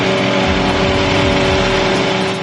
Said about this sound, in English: revved engines and a pit crew showed off a quick pit stop outside the White House during a Freedom 250 Grand Prix showcase.